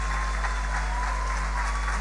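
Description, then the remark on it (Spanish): Steady applause from an audience for a choir at a feast of the Virgen del Rosario in Luque, a dense, continuous patter of many hands clapping at an even level with no voices standing out. “Gracias a nuestro hermoso coro. Un fuerte aplauso para ellos.”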